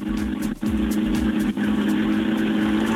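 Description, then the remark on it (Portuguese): A car engine is being warmed up at the last special stage of a rally in Madeira. It runs loudly, holding a steady droning idle with two brief dips in the sound, with no one talking. “Parece que o Ricardo está a aquecer o carro ainda.”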